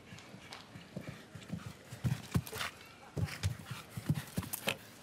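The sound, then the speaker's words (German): Rhythmic hoofbeats of a galloping horse in a show jumping round, approaching a double combination with seven gallop strides, thud on soft ground in repeated clusters, moderately loud, with faint background murmur throughout. “Jetzt noch diese Zweifache, die Ruhe mit 7 Galoppsprüngen.”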